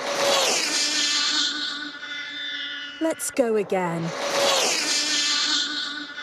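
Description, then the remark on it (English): The world's fastest remote control car on a world record run of about 256 miles per hour: its shrill, buzzing electric motor whines loudly for a few seconds, breaks off for a short spoken phrase, then screams back up to full speed. “This is the world's fastest remote control car, achieving a new world record.”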